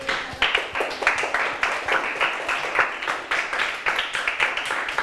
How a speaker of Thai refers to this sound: เก่งมากๆเลยปรบมือให้ตัวเองดังๆได้เลยครับ